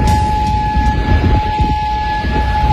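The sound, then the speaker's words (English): Air raid sirens hold a steady, high wailing tone across Kuwait City, carried over a loud, continuous low rumble of background noise, with no voices heard. “Air raid sirens sounding across Kuwait City.”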